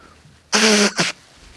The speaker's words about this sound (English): I think I'm about to sneeze. Oh, that was a good start to the show, wasn't it? Hang on a second.